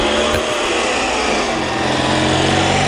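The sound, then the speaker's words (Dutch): A race car engine, recorded by a reporter, runs loud, holding a steady, buzzing high-pitched whine for about three seconds without easing off. No voices are heard over it. “En we hebben gevraagd onze verslaggever even de motor even op te nemen. Dus dan kunnen we even luisteren hoe die klinkt.”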